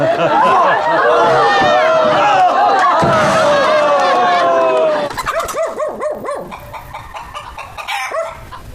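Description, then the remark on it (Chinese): A person imitates a barking dog, loud yelping cries tangled with overlapping shouting voices, then a quicker run of short, rhythmic bark-like yaps. “哎，我跟你说，我们这儿一狗，俩眼放绿光，你给它调调吧啊！”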